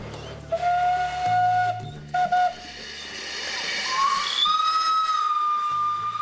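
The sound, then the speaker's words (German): An operational steam locomotive on a farm sounds its whistle in sustained blasts, first a short pair and then a longer, rising tone, over a steady broad hiss of escaping steam, with low droning tones underneath. “In dieser Halle sind die Traktoren und Lokomobile untergestellt, aber auch die betriebsfähigen Dampfloks der Farm.”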